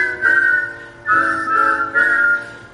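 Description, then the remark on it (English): A person whistles a short melodic tune in three sustained phrases, clear, with small pitch slides between notes and no talking. “just imagine how good you'd sound if you whistled.”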